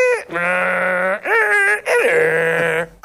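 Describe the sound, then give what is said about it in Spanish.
A voice imitates a dial-up modem connecting to the internet over the telephone: three loud, drawn-out nasal warbling tones with wavering pitch and sliding starts, separated by brief breaks. “El Esa ruido, onda. el ruidito. Y Conectabas con el teléfono.”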